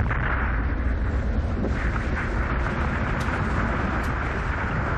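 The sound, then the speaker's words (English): A massive snow avalanche, triggered when a snowboarder jumped off a ledge onto the slope below and the whole mountain bowl let go, rumbles in a continuous, loud, deep roar that holds steady for the whole stretch, a dense rushing wall of sound like a freight train, with no voices. “His brother Matt jumped off the ledge and hit the slope below, triggering a massive avalanche.”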